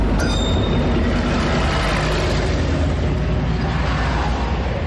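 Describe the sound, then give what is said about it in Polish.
A Warsaw commuter railway (Warszawska Kolej Dojazdowa) train rumbles past on the rails, a loud, steady roar of wheels and carriages, with a brief high metallic squeal at the start and no voices. “warszawską koleją dojazdową.”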